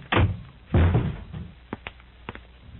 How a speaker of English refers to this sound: Here's rule number two. Don't you ever throw another shoe or any other object against that door.